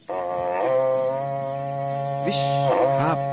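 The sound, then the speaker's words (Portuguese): A berrante cattle horn blows one long, loud, brassy note that fills the whole moment, its pitch wavering and dipping a few times before the sound steadies again. No one speaks. “Cadê o Berrante, hein, Gaúcho? Cadê o Berrante?”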